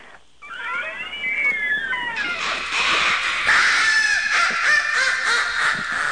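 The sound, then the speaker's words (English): The hinge of the door to a person's room squeaks in a long, wavering, high-pitched screech that bends up and down in pitch, growing louder and harsher as it keeps going, with no voices. “I go ahead and put a little WD-40 on that hinge.”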